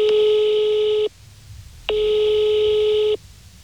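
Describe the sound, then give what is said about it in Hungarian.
A telephone ringing tone on the line: two steady, buzzy beeps, each lasting just over a second with a short pause between, fairly loud and alone with faint line hiss, as a reporter phones a foundation's board chairman. “csak telefonon sikerült elérnem.”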